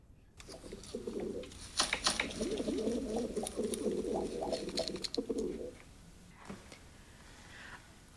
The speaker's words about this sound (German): Sie füttern schon wieder die Tauben!